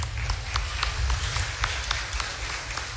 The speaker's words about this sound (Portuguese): Ei, que bom. Vamos aplaudir